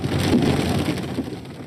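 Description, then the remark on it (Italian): Heavy rain pours down steadily in a thunderstorm, a dense, loud hiss with a deep low rumble underneath, continuous for the whole short stretch with no voices. “ma già in queste ore il capovolgimento climatico è in corso, con temporali ieri a Bologna, decine di interventi dei vigili del fuoco, pioggia e vento forte nel torinese, in Alto Adige.”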